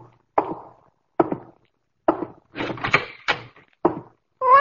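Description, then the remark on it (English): A door opens as someone comes in, marked by a series of sharp wooden thuds and clunks at irregular intervals, with no talking. “Simon, someone's coming.”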